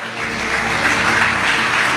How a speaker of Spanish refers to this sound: Hermanos, aunque con risas y aplausos hemos recibido esta verdad, pero es una verdad que está a punto de acontecer.